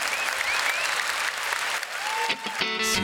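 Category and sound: crowd, applause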